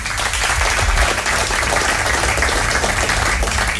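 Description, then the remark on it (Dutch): A large audience at the Gouden Schoen award ceremony applauds Johan Cruijff steadily, a dense, even wash of many hands clapping that holds at full strength for the whole stretch without pausing. “Mag ik uw applaus voor Johan Cruijff?”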